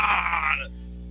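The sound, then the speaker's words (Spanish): A soccer crowd lets out a loud collective groan as a powerful shot passes close to the goal, swelling for about half a second, then quickly fading away into a low steady hum. “Zapatazo que pasa cerca. Se ahoga el grito de gol.”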